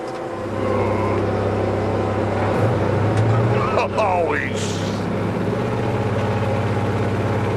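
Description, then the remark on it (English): A road roller being driven, its vibration switched on with a green control; the vibrating drum and engine give a loud, steady, low droning rumble with a strong hum. The rumble continues unbroken, with a few brief higher whines and rattles partway through. “Having fired myself from this job, I then rehired myself as the roller driver, which for me was a vehicular first.”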